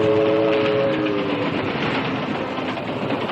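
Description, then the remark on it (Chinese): A train travels through mountainous countryside at night, rolling past with a loud, steady roar of wheels and rails. A brief horn tone sounds over the rumble during the first second. “夜幕深沉，在山野中穿行的火车的灯光在夜色中显得越发刺眼。”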